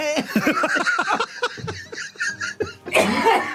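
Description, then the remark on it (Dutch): A loud run of rapid coughs and choking gasps as a grain of food from lunch goes down the wrong way, voiced and broken into short bursts, ending in a harsher, breathy hack. It sounds partly like laughter. “Oh, ik moet enorm hoesten.”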